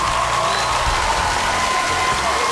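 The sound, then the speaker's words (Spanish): A burst of steady, loud applause from a crowd for a listener's 23rd birthday on a Radio Disney broadcast, dense clapping filling the whole moment with some cheering and a thin whistle-like tone mixed in, without pause. “¡Fuerte los aplausos!”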